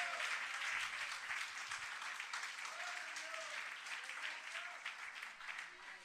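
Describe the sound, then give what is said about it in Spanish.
An audience claps hands together in sustained, dense applause of praise, steady for several seconds, with scattered voices faintly calling out beneath the clapping. “Dele palmas de alabanza a nuestro Dios.”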